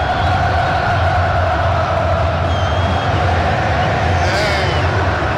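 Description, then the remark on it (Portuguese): A massive crowd of Cruzeiro football fans sings a chant together in a stadium, the blended voices loud and steady, forming a dense, continuous roar of melody throughout. “Olha a nação celeste, a volta pro Cruzeiro intermediária, pelo lado canhoto e a nação celeste cantando.”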